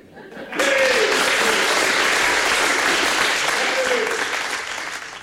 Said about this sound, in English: I want you all to clap now.